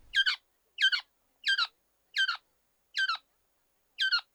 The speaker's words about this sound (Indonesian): Seekor burung koak tertangkap, terkena jerat mereka.